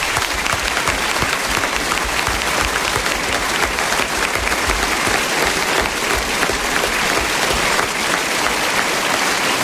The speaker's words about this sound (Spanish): Gracias, gracias, gracias, gracias por sus aplausos que no terminan nunca.